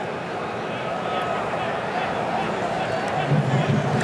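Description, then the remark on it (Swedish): Moroccan fans in a large stadium crowd at a football match do a Viking thunderclap chant, a dense, steady roar of many voices with sparse claps, with a voice talking over it. “Det är den marockanska publiken ni hör. Göra sin variant av isländska vulkanen.”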